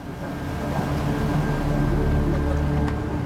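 A boat engine rumbles steadily, a low droning hum with broad noise that holds fairly constant as the boat, signalled to stop and carrying about five people, slows to a stop.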